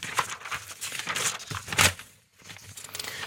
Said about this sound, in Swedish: Då bläddrar jag lite. Det är inte så långt att bläddra heller idag.